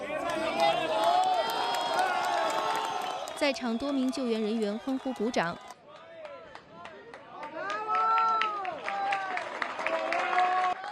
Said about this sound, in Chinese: 在场多名救援人员欢呼鼓掌。